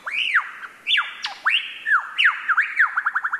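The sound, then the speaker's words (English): A lyrebird mimics a laughing kookaburra: loud swooping whoops and chortles that speed up into a rapid, rhythmic cackle toward the end, with no one talking. “are best known for their uncanny vocal abilities, which can incorporate spot-on imitations of other bird species, like this laughing kookaburra.”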